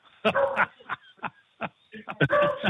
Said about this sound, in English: She, every time somebody comes to the door, she barks her head off. That's a beagle.